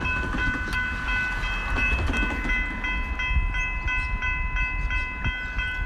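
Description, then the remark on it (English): Argentina's first solar train, a sleek, glass-sided two-carriage train, rolls steadily along the rails. It makes a loud rumble with faint rhythmic clacking and a sustained high metallic ringing tone throughout, with no one speaking. “Let's go train riding now and in Argentina.”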